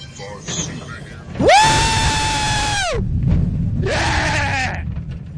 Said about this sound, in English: the reason why I'm on this roller coaster